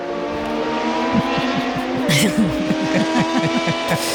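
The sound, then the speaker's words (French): Race cars at the international Rangiers hill climb at Saint-Ursanne, a race held for 100 years, roar continuously with rapid rising and falling pitch as they rev and shift gears. A sharp hiss of tires joins them, with faint voices underneath. “Sa course de côte internationale des Rangiers qui, depuis 100 ans, fait vibrer la région et les amateurs de course automobile.”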